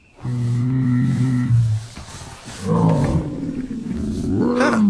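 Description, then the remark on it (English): Toothless, the Night Fury dragon from the film How to Train Your Dragon, vocalizes: a steady low, droning moan first, then a brief pause and louder gurgling roars with warbling, rising tones, with no talking. “Here, Hiccup, Jay Baruchel, getting up close and personal with a Night Fury dragon.”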